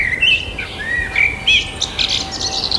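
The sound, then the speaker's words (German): Several birds chirp and twitter at once outdoors in May, a busy overlapping chorus of quick high tweets and trills, lively, over a soft background hum with no talking. “Und bei der Frage, welche Vögel da so um die Wette zirpen und zwitschern”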